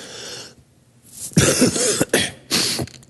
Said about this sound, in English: My wife said on Wednesday when I coughed right into my mic and it just kind of blew people's ears off.